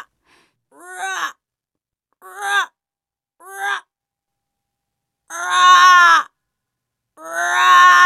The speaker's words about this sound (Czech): Jednou uviděli tři havrany. Nebyli černí, ale sněhobílí. Pak zaslechli jejich zpěv.